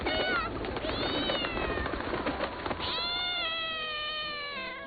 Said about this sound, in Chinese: 野猫来了，大家立即起飞。野猫来了， 大家立即起飞。 野猫来了， 快飞呀， 快飞呀， 野猫快飞呀。